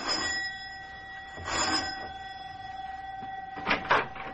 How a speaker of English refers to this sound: Both of them are worried now, as Mac presses the doorbell in answer to the professor's elated phone call.